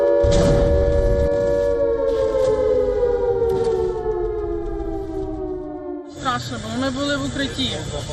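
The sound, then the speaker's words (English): A loud air raid siren wails at night in Kyiv, Ukraine, during a missile and drone attack, its long tone sliding slowly downward for several seconds, then cuts out briefly before a wavering, warbling siren tone takes over. “Buildings are damaged, emergency crews race through the capital's air raid sirens cut through the night.”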